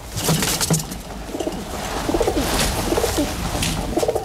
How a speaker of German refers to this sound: Wenn sie satt sind und zufrieden, dann gurren sie. Das klingt, als ob sie lachen.